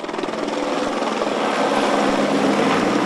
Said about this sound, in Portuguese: O helicóptero Pelicano da Polícia Civil sobrevoou o cemitério em sinal de respeito.